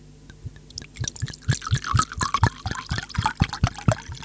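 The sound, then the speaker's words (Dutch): A drink is poured into a glass, a steady run of liquid broken by quick, rhythmic gurgling glugs that repeat for several seconds. No voices are heard. “Lijf ingeschonken, mensen.”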